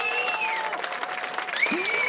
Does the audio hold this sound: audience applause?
yes